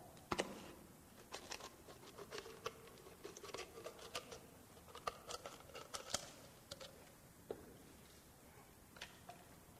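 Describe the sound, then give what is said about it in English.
Scissors snip and crunch through a plastic Gatorade bottle, cutting it into a funnel, in a quick, irregular run of crisp clicks and crackles, fairly quiet, with no talking. “So I can take this Gatorade bottle and I can turn it into a funnel, right?”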